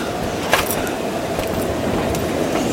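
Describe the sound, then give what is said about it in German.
A moving train rumbles steadily, a continuous low roar with a few brief metallic clicks and rattles over it, and no one speaking. “Oder wo auch immer sonst dieser gottverdammte Zug hinfährt?”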